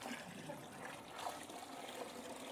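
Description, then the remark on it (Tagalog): Water pours in a steady, continuous trickle for a couple of seconds into a chunky dirt mixture, with a soft splashing hiss and no voices over it. “Kailan lang natin dagdagan ng tubig, kundi very chunky.”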